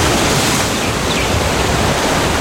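Steady, loud wash of ocean surf at the seaside, a continuous rushing roar of breaking waves with no clear individual crashes, heard alone without any voices.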